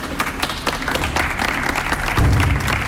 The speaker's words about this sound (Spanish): Pues ayer el pueblo de Huelva también dedicaba este aplauso al término de ese minuto de silencio para mandar ánimos a los venezolanos que también residen en Huelva.